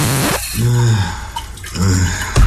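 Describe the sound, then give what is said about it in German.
Shower water runs and splashes steadily with dripping sounds while a person sings a few sustained notes under the shower. “Fertig unter der Dusche gesungen.”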